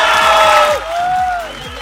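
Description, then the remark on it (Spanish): A group of winners in Lomas de Polanco, at a remote radio broadcast, shouts and cheers together in a loud, sustained burst, voices rising in pitch, with a steady thumping beat running underneath. “Señoras y señores, con el correcaminos, oigan, ya nos encontramos en Lomas de Polanco con los ganadores que están bien contentos y venga ese grito.”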